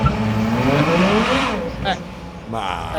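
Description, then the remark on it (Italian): A V12 car engine revs and climbs in pitch as it pulls away in first gear, a smooth rising drone with strong harmonics, then eases off briefly before picking up again near the end. “Vi do un V12. Oh sì, vai.”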